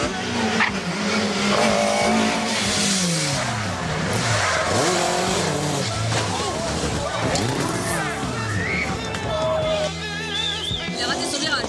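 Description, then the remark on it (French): Rally cars at a historic rally roar past one after another, engines revving loudly and rising in pitch, with tires squealing as they drift for the spectators, while crowd voices murmur underneath throughout. “Pendant que les voitures continuent à défiler et à drifter pour le plus grand plaisir des spectateurs”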